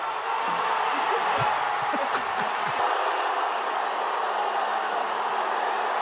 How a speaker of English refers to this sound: But listen, the crowd outside of Ronaldo's hotel last night in Toronto was something to behold. There's thousands of people just cheering. And eventually Ronaldo himself came out and waved to the crowd. This is the crowd's reaction.